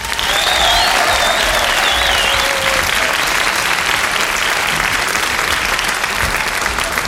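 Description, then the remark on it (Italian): A concert crowd claps loudly and steadily throughout as a band's two cellists are introduced, a dense wash of applause with a few high whistles rising above it early on. “First of all, a round of applause for the two cellists,”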